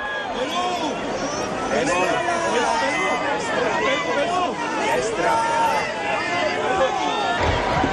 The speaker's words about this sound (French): Chers amis de KTO, bienvenue sur la place Saint-Pierre de Rome. Avec le pape qui est acclamé par la foule des pèlerins, nous allons participer à l'audience générale de ce mercredi 17 juin 2026.